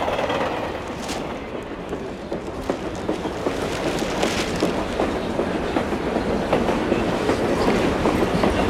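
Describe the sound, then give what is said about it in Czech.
A train rolls along the rails with a steady rumble, broken by irregular clicks and clacks from the wheels over the track joints, continuous throughout with no voices. “Takhle, pardon, jde ve vlaku, jako jo, moment.”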